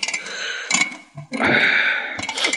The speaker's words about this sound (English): Yo, I'm tired. I'll just set the alarm.